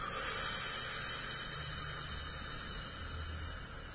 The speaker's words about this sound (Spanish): Vamos a respirar por nariz, ¿sí? Empujo mi manito en el diafragma, mantengo 2 o 3 segundos y largo el aire por boca.